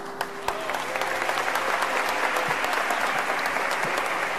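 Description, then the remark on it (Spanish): Sustained applause from a sizable crowd fills a reverberant basilica as Pedro Martínez raises the trophy inside, dense clapping rolling steadily for several seconds with a few sharper claps standing out near the start. “Y situación para el recuerdo, con Pedro Martínez elevando el trofeo al cielo dentro del centro religioso y levantando también los aplausos entre los allí presentes.”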